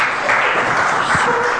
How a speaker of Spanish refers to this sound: Dele un fuerte aplauso al Rey de Reyes y Señor de Señores.